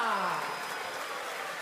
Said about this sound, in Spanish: ¡Fuerte el aplauso